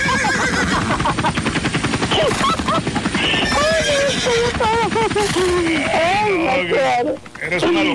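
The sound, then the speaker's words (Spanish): A person loudly imitates a horse's whinny, a long warbling, wavering neigh that rises and falls for several seconds, filling the whole stretch over a busy background. “Y mira, le hago el caballo porque ya lo dejé también.”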